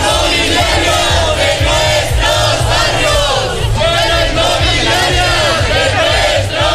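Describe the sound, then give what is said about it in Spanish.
A large crowd of demonstrators at a demonstration in Valladolid, Spain, called by the Sindicato de la Vivienda (Housing Union), shouts and chants together in loud, sustained waves, many voices overlapping with rhythmic surges and no single speaker standing out. “A esta hora acaba en Valladolid una manifestación convocada por el Sindicato de la Vivienda.”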